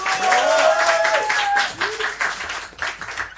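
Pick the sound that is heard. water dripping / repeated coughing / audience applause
audience applause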